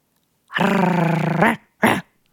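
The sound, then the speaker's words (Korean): A person imitates the sound a small dog makes at someone who steals its treat: one loud, buzzy growl held for about a second, then a brief sharp yap-like burst, with no other talking. “그 강아지가, 소형견 강아지가 간식 뺏어 먹는 사람한테 내는 소리.”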